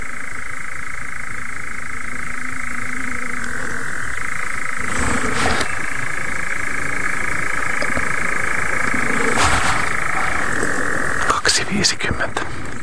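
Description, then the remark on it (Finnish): A chorus of several moor frogs giving courtship calls, many soft, low bubbling calls overlapping continuously, with a steady higher-pitched hum running through the background and a few brief rustling bursts. “On se komean kuulosta toi viitä sammakon soiden ääni. Ja sehän on sammakko kuoro.”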